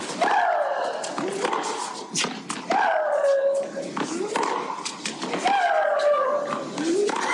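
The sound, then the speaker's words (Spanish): Tennis player Maria Sharapova's loud grunting screams, exhaled as she strikes the ball. There are three drawn-out shrieks that slide downward in pitch, spaced a couple of seconds apart, with sharp thwacks of the ball between them. “Estimulándose con esos gritos de María Sharapova, y es porque acompaña el golpe la exhalación”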